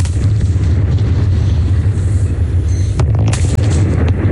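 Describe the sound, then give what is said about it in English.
The 170-metre twin smokestacks of Liddell Power Station in the Hunter Valley, New South Wales, Australia, collapse in a demolition, a loud, continuous deep rumbling roar that fills the whole clip, with a few sharper cracks breaking through near the end. No one speaks. “Twin smokestacks at one of Australia's longest operating power stations have come down today.”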